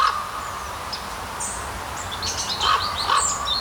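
A raven calls outdoors near Lochem, Netherlands, giving a couple of short, ringing calls near the end over a steady background hum, with faint higher chirps scattered throughout.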